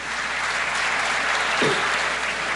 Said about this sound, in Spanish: Un aplauso para el ingeniero de línea Ascensión.